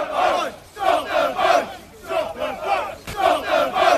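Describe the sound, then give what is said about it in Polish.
Several hundred protesters dressed in black, faces covered with balaclavas, chant the slogan "stop the boats" in unison while blocking roads near a port in Kent, England: loud rhythmic repeated shouts with brief pauses between each line, sustained over the whole stretch. “Skandowali stop the boats, czyli zatrzymać łodzie.”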